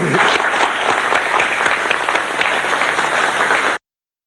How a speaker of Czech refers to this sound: Tak já myslím, že si to zasloužilo potlesk.